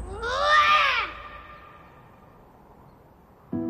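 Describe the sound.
A young boy lets out one loud, drawn-out roar, rising and then falling in pitch over about a second, followed by near silence before another sound cuts in at the very end.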